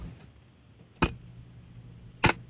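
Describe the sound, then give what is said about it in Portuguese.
Two sharp, bright clicks about a second apart, like the latches of a glass food container lid snapping shut, over a low, steady background hum. “Eu acho que é fechando um tupperware de vidro. Um pote de vidro.”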